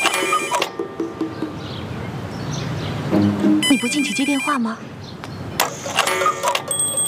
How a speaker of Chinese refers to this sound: 进去接电话吗？